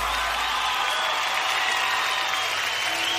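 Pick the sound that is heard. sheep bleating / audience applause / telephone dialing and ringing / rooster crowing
audience applause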